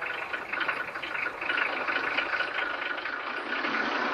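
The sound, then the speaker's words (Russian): A truck engine runs with a steady, gritty rumble as the truck drives away, raising clouds of dust and scaring a chicken, holding a fairly constant level throughout with a slight swell partway through. No one speaks. “Подняв клубы пыли и напугав курицу, машина уезжает.”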